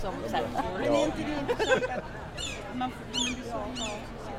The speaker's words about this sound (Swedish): Hör ni måsarna? Ja, nu är vi mitt i Almedalen eller strax något utanför alldeles snart.